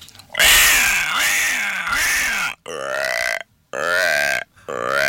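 Loud frog-like croaking: one long, rasping, wavering croak followed by three shorter throaty croaks with brief pauses between them, with nothing else in the background.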